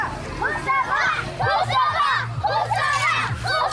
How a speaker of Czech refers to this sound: Asi nejhlasitější fanouškovský tábor tady, zdejší základní škola Husova liberecká. Děti si vyrobili plakáty se jmény svých hrdinů, spolužáků. My jsme tady z Husovky přímo.